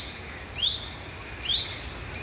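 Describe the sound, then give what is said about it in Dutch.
Frogs call very far off at night near Natuurcentrum Arnhem, recorded during a bat survey: faint, short rising chirps repeating about once a second over a low, steady background hum. “Heel in de verte de kikkers.”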